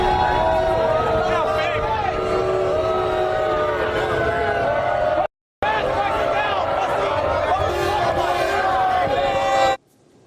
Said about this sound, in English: Donald Trump being lustily booed when he arrived at the venue tonight in New York. This was him being booed inside the venue when people spotted him during the national anthem.